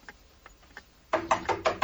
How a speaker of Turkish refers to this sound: Kapı çalınıyor. Kapıcıdır, ben bakarım.